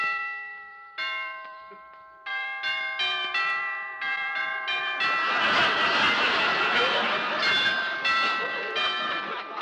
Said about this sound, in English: I'll ring the bell and see.